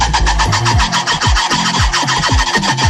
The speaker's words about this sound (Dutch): Het gaat om een rode farie, een soort maki. Hij klom in een boom vlakbij de Amsterdamse dierentuin. Een buurbewoner dacht al dat er iets speelde, want die hoorde vanochtend het opvallende geluid van die halve aap. Ja, ze kunnen zo'n geluid maken.